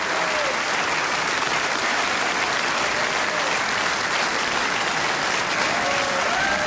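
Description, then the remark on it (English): Sustained, dense applause from a large opera audience at the National Opera House as the principal singers come to the front of the stage to take their bows, steady and loud throughout with no gaps, a thick wash of many hands clapping at once, with faint cheering whistles rising near the end. “The other of our two brothers takes his bow, and the principals come to the front of the stage here in the National Opera House to acknowledge rapturous applause.”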